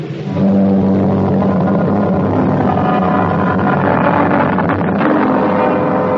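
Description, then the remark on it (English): A landing craft's motorboat engine drones loudly and steadily throughout as the craft is put over the side for UDT men, a continuous rumble with a low humming pitch and no voices. “A landing craft is put over the side.”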